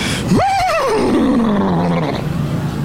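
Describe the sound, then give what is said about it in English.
A person's voice does a loud horse whinny imitation: a sharp rising squeal that wavers, then slides down into a long, fading groan, heard alone without speech. “Well, can you rate my horse impression?”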